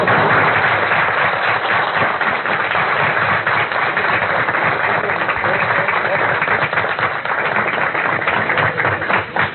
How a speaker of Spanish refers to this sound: Pedimos un gran aplauso para él.